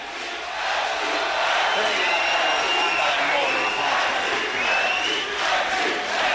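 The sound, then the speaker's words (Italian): A large crowd at the Radio Onda d'Urto festival in Italy cheers and shouts continuously, a dense, loud roar of many voices with scattered whoops rising above it, sustained throughout without pause. “Grazie raga, fate un cazzo di rumore per voi.”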